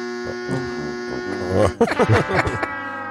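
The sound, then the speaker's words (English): A loud electronic buzzer from an elimination button drones steadily for a few seconds, a harsh continuous tone, with voices starting to talk over it partway through. “I don't have the elimination button.”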